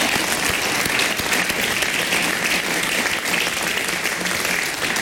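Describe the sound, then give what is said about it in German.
Steady, dense audience applause for a newly founded band fills the whole stretch, a broad wash of many hands clapping at an even, sustained loudness with no voices standing out. “Applaus bitte.”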